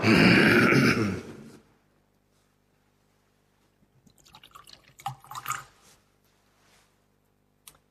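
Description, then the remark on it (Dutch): A short, steady rush of water poured into a chalice of wine fades out, then after a pause comes a scattering of small drips and splashes, with no voices. “Water en wijn worden een gedeeld ons mens zijn en neemt ons op in uw goddelijk leven.”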